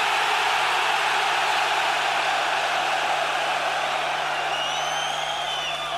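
A massive crowd of 32,000 heavy metal fans in a stadium in Stockholm screams and roars at full volume, forming a dense, unbroken wall of noise for six seconds, with a few shrill whistles rising near the end.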